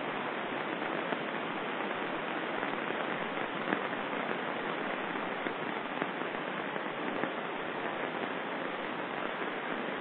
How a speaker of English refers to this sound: I am enjoying the sound of the rain now.